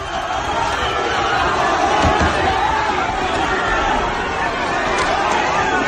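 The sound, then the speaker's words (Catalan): A dense crowd roars and shouts continuously at a steady, loud level during the Diada, with supporters of Aliança Catalana facing left-wing independentist and antifascist groups. Overlapping voices, sharper yells and scattered thuds as some try to break the Mossos police barrier and officers respond with baton blows. “D'una banda, els simpatitzants d'Aliança Catalana, de l'altra, els col·lectius de l'esquerra independentista i moviments antifeixistes, crits escardissades i alguns intents de superar la barrera dels Mossos que han respost amb cops de porra.”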